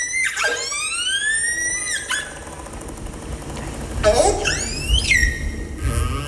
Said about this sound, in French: Là, c'est une orque que l'on entend. Oui. Est-ce qu'on a une idée de ce qu'elle raconte ou de ce qu'elle émet comme son ? Alors, les premières vocalisations, pour moi, c'était plutôt du stress. En fait, c'est un signal qui va être répété.